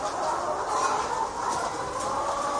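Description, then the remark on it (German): Chickens cluck and coo softly and continuously in a coop, a dense, close murmur of many birds with no one speaking. “Aber wenn ich so wenn ich so durch den Stall gehe, dann lieben mich die Hühner.”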